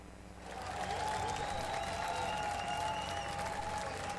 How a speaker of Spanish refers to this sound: aplauso fuerte, que se escuche.